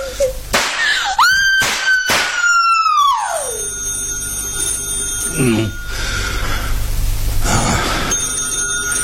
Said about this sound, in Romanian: Nu răspunde la telefon